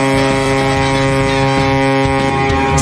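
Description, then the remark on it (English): A ship's foghorn blares in one long, loud, sustained tone, a deep droning note that holds steady for the full few seconds, with a faint windy rumble beneath it. “So if are we parking a boat like through the fog?”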